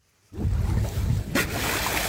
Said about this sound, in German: Aufnahmen von einem Segelboot vor der dänischen Küste. Was hier zu hören ist, sind Schweinswale. Sie springen aus dem Wasser, erinnern an Delfine Und genau wie Delfine gehören sie zu den Zahnwalen.